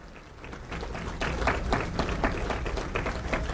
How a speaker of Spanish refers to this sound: Démosle un aplauso a los padres de familia. Jóvenes, denle un aplauso a los que han venido hoy.